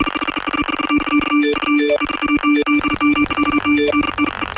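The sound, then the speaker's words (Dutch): A rapid flurry of electronic phone message notification chimes as messages come in, bright tonal beeps overlapping one after another in a busy, steady stream, loud with no talking. “Kijk eens, de berichtjes komen binnen.”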